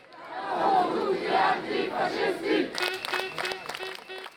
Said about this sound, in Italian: Nella piazza accanto la contromanifestazione, mai più lo slogan, e quello in italiano.